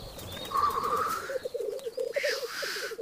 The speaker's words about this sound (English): The capper's cousin, the black cock, really gives them something to grouse about.